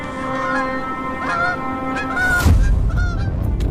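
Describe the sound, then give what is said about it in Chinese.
Bar-headed geese, a pair with their chicks, honk in a series of loud, nasal, harmonic calls during steady snowfall over a steady low rumble, and a sharp burst of noise midway leaves a rougher, noisier background under the later honks. “给斑头雁小宝宝带来第一次生存挑战。”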